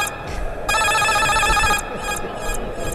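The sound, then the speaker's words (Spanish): A loud, bright electronic goal alarm jingle on sports radio, marking Moreira's equalizing goal for O'Higgins against Recoleta (1–1), rings out in a sustained burst of high, ringing tones, then repeats as a few shorter pulses over a steady low rumble of background noise. “Alarma de gol, ¿dónde?”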